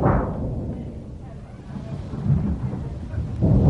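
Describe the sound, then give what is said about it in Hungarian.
Deep, continuous thunder rumbles and rolls in a storm with lightning flashing far and wide, with low booming swells rising near the end, loud and enveloping. “A föld remeg. Dörög veszettül, széltéber hosszában villámlik”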